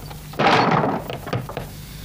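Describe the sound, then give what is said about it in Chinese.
Heavy pounding on a wooden door: one loud, rumbling burst of blows, then a few lighter, scattered knocks that trail off. No voices are heard. “开门，开门！快快快开门，快开门！来人了，快开门啊！”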